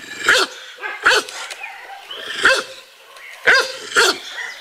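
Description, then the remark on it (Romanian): A dog tied on a chain less than a metre long barks sharply and repeatedly, five loud barks in uneven pairs with short pauses, against a faint outdoor background. “Alții sunt legați în niciun metru de lanț. Ca acesta.”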